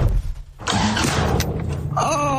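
A low idle rumble gives way to a sudden loud roar as a car engine starts, running steadily, with a higher whining tone rising near the end.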